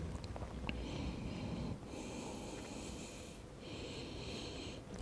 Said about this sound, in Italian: E mi concedo qualche respirazione.